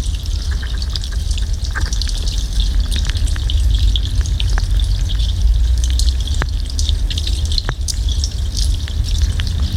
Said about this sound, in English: I sit on the platforms where anglers fish for carp, bream and pike. The sounds are perhaps water boatmen, water beetles, frogs or algae.